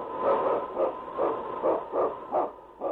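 King, the lead sled dog of The Challenge of the Yukon, barks in a quick, steady series of about seven sharp woofs, fairly loud, with a muffled, tinny quality and no voices.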